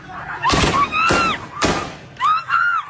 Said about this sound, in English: The violence used by the Taliban to break up the protest is evident in videos that have emerged from Herat. Live fire is used to disperse the crowd, and people are seen being hit with rifles and long white sticks.